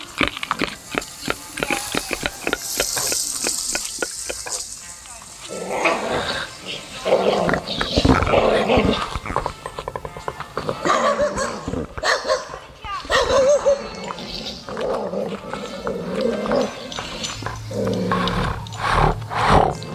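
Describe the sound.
Several dogs bark loudly and repeatedly, some barks rough and growling, in a steady, overlapping stream with voices mixed in.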